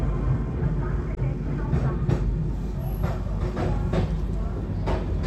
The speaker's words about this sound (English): just to get an idea of how it goes by as the journey of life goes by in a train, and the announcements continue and the updates continue